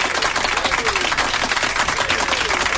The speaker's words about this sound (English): Fake applause.